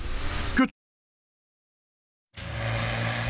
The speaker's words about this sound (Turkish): 1969 model Opel GT hem Avrupalı hem de Amerikan tarzında bir arabadır. Ve işte gidiyor. 2 litrelik 4 silindirli Fungi motoru vardır. Şunun sesine bakın. Evinizi ikinci kez ipotek ettirmeden dikkatleri çekebilecek mükemmel bir klasik spor arabasıdır.